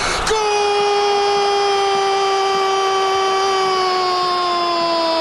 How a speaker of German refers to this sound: Da muss man auch schon, glaube ich, so gewisse Atemtechniken haben, um das hinzukriegen, oder? Ich wollte gerade sagen. Er schreit immer noch. Und wie lange geht das noch so? Also ich meine... Wow, der stirbt da bald.